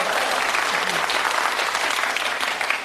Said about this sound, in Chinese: 停，我们领导说了，这里是长时间鼓掌。